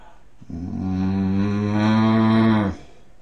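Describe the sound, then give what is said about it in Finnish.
A person imitates a bull's bellow, one of a series of six animal sound imitations, with a single deep, droning vocal tone held for about two seconds, loud, then cut off abruptly. “Sitten sonni.”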